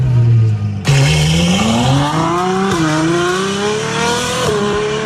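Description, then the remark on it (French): A car sound effect: a loud car engine idles low, then roars into a rising rev with gear changes, the pitch climbing steadily as the vehicle accelerates. No talking. “Et puis l'indice numéro 4, c'est un bruitage d'une voiture.”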